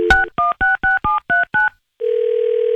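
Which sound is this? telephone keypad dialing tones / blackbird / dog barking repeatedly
telephone keypad dialing tones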